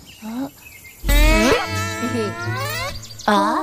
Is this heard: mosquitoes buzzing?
yes